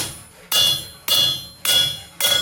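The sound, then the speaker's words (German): Four sharp, ringing metallic blows of a small hammer striking iron laid on a straightening plate, at a steady pace, each with a bright clang that rings out and fades before the next strike, loud with no talking. “Das heißt, du legst es hier auf, haust du mal ordentlich mit dem Hämmerchen drauf.”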